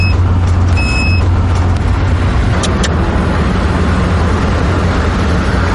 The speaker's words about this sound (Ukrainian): І знову спрацьовує детектор.